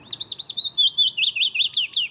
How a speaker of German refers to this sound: So singt ein Fitis, ein kleiner gelb-grau gefiederter Vogel.